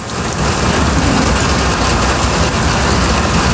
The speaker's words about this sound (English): What a sound. Impactful, widespread rainfall for the morning commute.